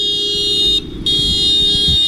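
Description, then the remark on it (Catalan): Two long, loud, steady horn blasts from farmers' tractors, dozens of them gathered at a protest in Lleida, split by a short pause, blaring over a low rumble of idling engines. “Pagesos amb desenes de tractors es fan sentir avui a Lleida en una protesta convocada per l'organització agrària JAR”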